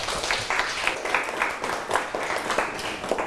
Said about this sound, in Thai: ฝั่งขวามือเอาปรบมือให้เพื่อน